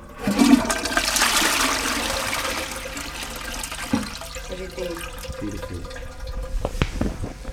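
A toilet flushes as pomegranate seeds are flushed down it, with a loud rushing surge of water that gradually subsides into trickling and gurgling refill sounds, with a few small clunks near the end. No one speaks.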